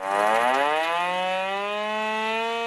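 A loud alarm siren wails at dawn over the barracks of a brigade of China's 83rd Group Army as an unannounced full combat-readiness drill begins: one steady, buzzing tone that dips slightly at the start and then holds level, with no voices over it.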